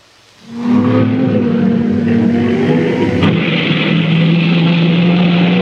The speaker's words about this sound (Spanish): ¡Hola! Calentamiento del motor, ¿eh?